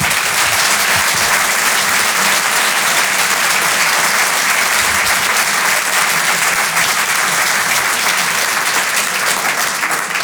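Steady, dense applause from a crowd at the Grand Point Virgule comedy club, broadcast live on Rire et Chanson as comedian Jérémy Lorca is introduced: a continuous loud patter of clapping hands that holds for about ten seconds without any voices over it.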